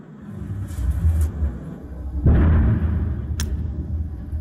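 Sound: distant missile explosion bang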